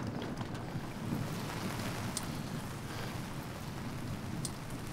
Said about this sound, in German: Der nächste Morgen. Seit Stunden regnet es durch.